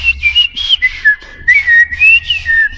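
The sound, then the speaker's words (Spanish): A person whistles a bird-like call imitating birds, one of them the tomatero, a red bird that eats tomatoes; a clear wavering tone gliding up and down in short repeated phrases, fairly loud with no talking. “O en este caso, yo imitaba a un pájaro, dos pájaros.”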